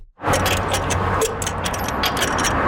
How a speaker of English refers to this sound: uses a torque wrench to tighten the lug nuts on the wheel of a pickup truck. So we're going to go in that star pattern until you hear the click of the torque wrench.